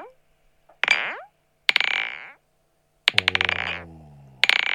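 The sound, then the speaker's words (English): Two glass cups clink together several times, accidentally, during a sound check of a washing machine: bright, ringing strikes that hum and fade, including a quick rattling burst of repeated taps, with short silences between the hits. “The sound was these two glass cups clinking together.”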